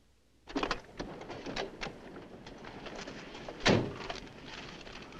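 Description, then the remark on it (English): A car door is opened with a few clicks and rattles, then slammed shut a few seconds later with a single solid thud, with no one talking, as a person gets out of the car after it pulls up. “All right, now get out like I told you.”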